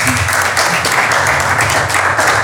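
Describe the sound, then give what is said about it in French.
A crowd applauds steadily, a dense wash of many hands clapping at once, loud and sustained throughout with no voices standing out. “Elle va nous josser les choses, mais avant qu'elle nous josse, applaudissez d'abord pour elle.”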